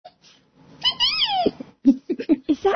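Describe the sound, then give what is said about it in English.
A man vocally imitates a resplendent quetzal's call: one long, wavering, high-pitched note that rises and falls, followed by a quick series of short, clipped yelping notes, fairly loud with no other talk. “It's my favorite bird, the resplendent quetzal. And what sound does this one make?”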